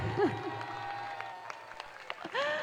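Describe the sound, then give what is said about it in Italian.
A crowd in a piazza at an event in La Spezia applauds in a steady, dense wash of clapping, with a few sharper claps popping out and rising whoops from the audience at the start and again at the end. “E poi grazie anche a tutti voi, se hai sentito il calore con questo applauso, ma ne facciamo un altro, è anche più forte!”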